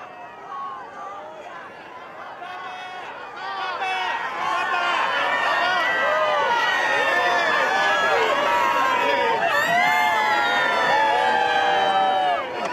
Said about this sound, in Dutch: We kunnen het horen, beste luisteraars, er is weer zeer veel volk verzameld op het Sint-Pietersplein om de Heilige Vader te begroeten en te kunnen aanhoren.